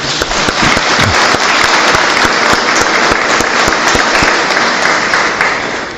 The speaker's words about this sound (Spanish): Felicitamos al Cuerpo de Bomberos, les damos un fuerte aplauso.